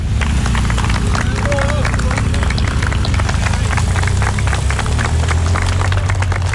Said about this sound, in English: And away they go. It started, and as you can hear, the applause from friends and colleagues and supporters as they start this 200-mile challenge.